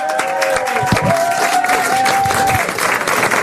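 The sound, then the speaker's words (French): At an RTL radio event, a crowd applauds steadily and loudly to welcome an arriving guest, a dense wash of clapping that holds for several seconds, with a thin sustained whistle-like tone running through the middle. “Je voudrais s'il vous plaît qu'on applaudisse celle qui arrive maintenant, qu'on est tellement heureux de voir.”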